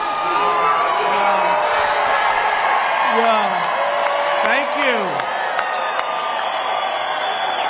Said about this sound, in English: We hear the chants of USA, USA, USA. The president is doing his pointing greeting that he likes to do to people in the crowd that he spots.